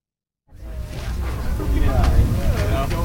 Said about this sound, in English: It's a windy Sunday evening on the North Avenue Beach Pier.